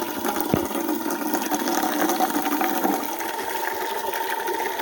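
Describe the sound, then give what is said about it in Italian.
A steady, continuous rush of water from a drinking fountain being left to run for a while, fairly loud, holding an even hiss throughout with no voices. “Adesso falla buttare un po', perché sennò è calda.”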